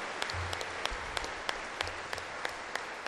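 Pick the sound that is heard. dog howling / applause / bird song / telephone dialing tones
applause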